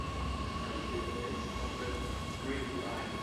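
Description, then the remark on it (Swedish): A commuter train rumbles steadily past at Tomteboda, a large rail yard just north of central Stockholm, Sweden, with more than 30 parallel tracks; a dense, continuous roar of rolling wheels with a faint metallic whine riding on top, fairly loud throughout. “Strax norr om Stockholms innerstad ligger Tomteboda, ett stort banområde där spåren ligger tätt.”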